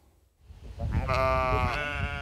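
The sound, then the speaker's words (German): A sheep, one of 23 sheep grazing the Volkspark Rehberge in Wedding, lets out a long, wavering bleat that rises after a quiet start and holds steady, with a low rumble of background noise underneath. “Die Arbeit machen die Schäferin und ihr Team. Wird täglich besucht, kontrolliert, Wasser gegeben, kranke Tiere versorgt”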